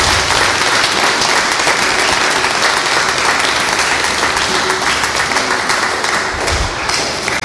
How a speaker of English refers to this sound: Thank you very much. One more hearty round of applause for our Mother of the Year.